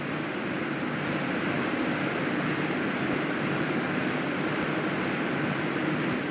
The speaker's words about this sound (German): Mal probieren, wie das Wasser schmeckt. Eine Erfrischung direkt vom Wasserfall und sogar im Fahrtpreis enthalten.